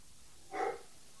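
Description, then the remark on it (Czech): A single short bark from an unfamiliar dog, not the neighbours' dog, rings out against a quiet background, moderately loud, with no voices around it. “pejsek štěká, viď? To není Týna, depák, Týna, to je nějaký cizí pejsek.”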